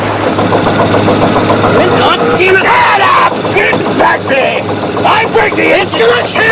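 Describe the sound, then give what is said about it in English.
A boat engine roars steadily at high revs, a loud, constant droning hum that fills the scene while a voice speaks over it; the RPM gauge needle nears the maximum limit and dark smoke drifts around the engine compartment. “The needle on the RPM gauge nears the maximum limit. Below, dark smoke drifts around the opening to the engine compartment.”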